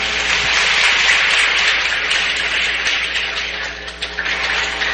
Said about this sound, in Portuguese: Então também as nossas palmas.